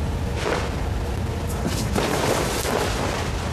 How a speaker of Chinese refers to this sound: 听见没？ 听见什么呀？ 枪声。不会又打起来了吧？